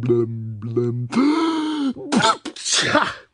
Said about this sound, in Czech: A znovu mocně kýchl.